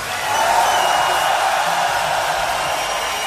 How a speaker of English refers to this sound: An even louder roar of applause for the great ….